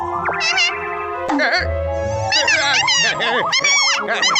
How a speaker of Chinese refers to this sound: 哎呀，吵死了，没用的小猫，